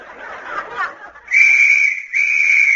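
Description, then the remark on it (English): Two loud, sustained shrill whistle blasts, the first lasting about three quarters of a second, then a brief break and a second long blast, following a moment of murmuring crowd noise. The whistle is the signal for 1,000 skin divers in rubber suits to put their snorkels in place. “On that whistle, 1,000 snorkels were slurped into place.”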